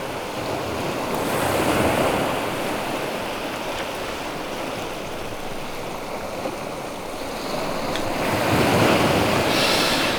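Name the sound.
ocean waves and surf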